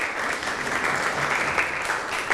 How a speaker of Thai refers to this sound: ปรบมือให้ตัวเองอีกครั้งหนึ่งครับ